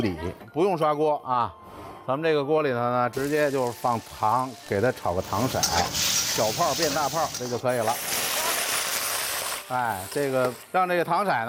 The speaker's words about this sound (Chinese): 先切点小料，老姜给它下锅，小火用这油呢给它煸香啊，大蒜啊，整个的大蒜籽，给它下锅，要它一个完整的形状，要它那个味儿。